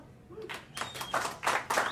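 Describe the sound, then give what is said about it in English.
An audience claps in a scattered, uneven burst, the broad smacks rising and falling in loose waves over a couple of seconds, moderately loud and with no speech over it. “Clap it up, be proud, we all make mistakes.”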